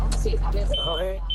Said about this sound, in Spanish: No, pero la alarma nos ha fastidiado un poco el audio, ¿eh? Se te escuchaba regulín.